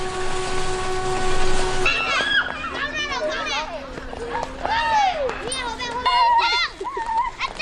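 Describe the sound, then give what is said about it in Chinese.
In the evening, the last train of the day leaves a small station, rumbling with a steady, droning horn tone for a couple of seconds, then gives way to a lively mix of children's high voices calling and shouting as they play games. “每天傍晚，当经过这里的最后一列火车离开后，寂静的小站开始热闹起来。”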